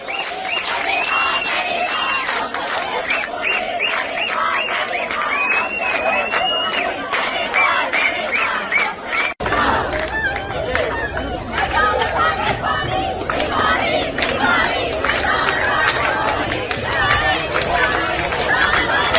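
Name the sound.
students chanting protest slogans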